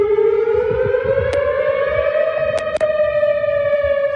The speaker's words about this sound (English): So that weather siren was heard on the Western University campus last evening with a tornado warning issued as a powerful line of storms moved through.